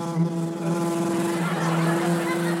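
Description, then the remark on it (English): A voice imitates a buzzing vibrator, a small sex toy such as a pocket rocket or rabbit, with a steady, low droning hum that holds at one pitch, loud and unbroken for about three seconds. “You get your little pocket rocket, your little tiny thing, your little rabbit, and you're just like...”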